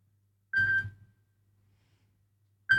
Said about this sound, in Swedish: Det ringer, det ringer. Hør, hvem kan det være? Hallo? Hallo?